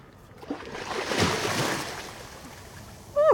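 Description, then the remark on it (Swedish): Water splashes and sloshes as a person jumps into warm water to bathe, a rushing surge that peaks early and then settles, with a brief high chirp right at the end. “Men jag tänker jag hoppar bara i. Gud, vad varmt det var i vattnet.”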